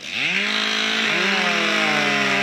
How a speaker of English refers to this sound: Mac DeQuack's York Centennial Park was full of chainsaws, axes, and flying wood Saturday, gathering quite the crowd for its fifth annual Canadian Lumberjack Championship stop